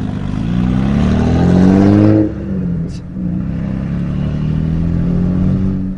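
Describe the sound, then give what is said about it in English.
An Australian V8 GTS sports car in Carmine Red revs loudly, its deep throaty roar rising in pitch before dropping off around two seconds in, then settling into a steady rumbling growl. “The Aussies love a V8, and this car has turned heads everywhere it's gone, not just because it's in the GTS Carmine Red, but also because of the noise it makes.”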